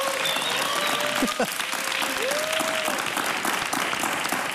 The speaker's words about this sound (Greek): Ένα μεγάλο χειροκρότημα.